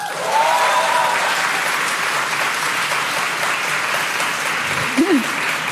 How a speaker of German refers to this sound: Aber wir fragen mal kurz, und zwar, ich würde gerne in Form von Applaus das Publikum fragen. Es klatsche doch bitte einmal laut, wer sich hier auch als Millennial identifiziert.